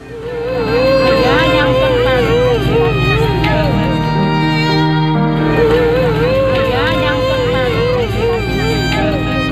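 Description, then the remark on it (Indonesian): A middle-aged woman, wife of a boat captain, wails and sobs loudly and continuously as a search-and-rescue boat arrives at Marina Carita pier, Pandeglang, Banten, Indonesia, on a Wednesday afternoon; her voice rises and wavers in long anguished cries, with faint crowd murmur and outdoor noise in the background. “Tangisan histeris wanita Parubaya ini menyambut kedatangan kapal tim SAR di Dermaga Marina Carita Pandeglang, Banten, Rabu sore.”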